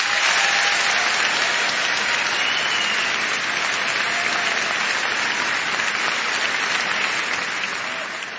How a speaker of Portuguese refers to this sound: Também queria agradecer a estes dois homens que nos últimos 14 anos têm produzido este show de uma forma espetacular, não só para entreter, mas para promover a nossa cultura e quem nós somos, e eu queria que lhe dessem uma grande salva de palmas.